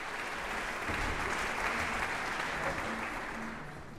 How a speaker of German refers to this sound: Und Applaus gibt es dafür jetzt im Casals-Forum in Kronberg.